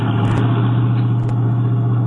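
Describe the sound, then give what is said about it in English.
A car engine runs steadily, a loud, continuous low hum with road rumble as the car moves slowly into an alley to park, with no voices. “Why don't you see if you can park there?”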